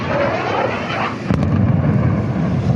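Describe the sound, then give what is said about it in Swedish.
A steady roar of crashing waves fills the background as a sharp explosion cracks out midway, followed by a deep, lingering rumble like artillery, in a Lebanese coastal city known for its long sandy beaches. “Ljudet av explosioner blandas med vågornas brus i staden, som annars är känd för sina långa sandstränder.”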